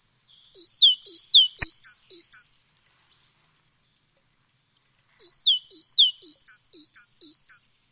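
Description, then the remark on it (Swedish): A great tit sings two bouts of bright, rhythmic two-note phrases, each a quick run of about seven repeats, separated by a few seconds of silence. The song is clear. “Ja, det här är ju talgoxen.”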